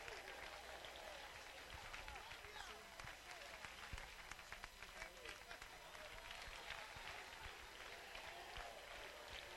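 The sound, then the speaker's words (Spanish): A large audience applauds God continuously, a dense wash of many hands clapping that holds steady throughout, with crowd voices faintly mixed into the roar; the applause has lasted 20 minutes. “Llevamos 20 minutos y el pueblo no quiere dejar de aplaudirle a aquel que se merece toda la gloria.”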